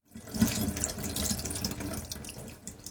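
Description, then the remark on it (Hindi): Tap water runs steadily into a sink with a broad, hissing splash, broken by small sloshes and knocks as a gutted fish is rinsed inside and out under the stream. Nobody speaks. “फिर हाथ से मछली की अंतड़ियां निकालकर मछली को अंदर और बाहर से अच्छी तरह धो लीजिए, ताकि खून के थक्के और बची हुई अंतड़ियां ठीक से निकल जाएं।”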